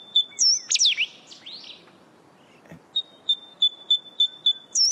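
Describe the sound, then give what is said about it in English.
A bird calls by the ocean with bright whistled chirps: a quick flurry of rising and falling notes, a pause, then a steady series of evenly spaced clear tweets, heard clearly without any talking. “And but it's just got the most beautiful sound that you can hear, especially on those still mornings by the ocean.”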